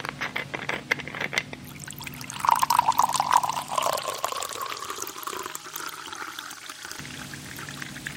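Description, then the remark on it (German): Water pours steadily from a jug into a glass or vessel, a continuous splashing stream whose gurgling tone rises as it fills, lasting several seconds before tapering off. “dass Sie einen Krug Wasser auf den Tisch stellen”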